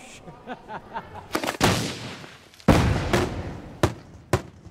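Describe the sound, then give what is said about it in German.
Firecrackers and fireworks, handmade by volunteers, go off at a festival on Gozo, banging in an irregular series: a few light pops, then heavy booming blasts with long rumbling tails, followed by sharp single cracks, loud. “Ein Fest ohne Feuerwerk ist auf Gozo undenkbar. Freiwillige stellen Böller und Raketen in monatelanger Handarbeit her.”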